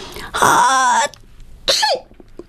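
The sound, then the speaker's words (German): A girl gives a loud, deliberate sneeze with a long voiced build-up and then a sharp, breathy burst that trails off in a falling tone, heard on its own with no talking. “Niest ….”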